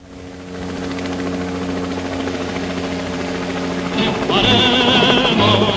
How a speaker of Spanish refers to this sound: Está bueno el sonido de mi helicóptero.